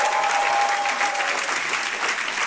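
An evening audience applauds the King of Kings, steady, dense applause, many hands clapping together in a continuous wash of sound with no voices standing out.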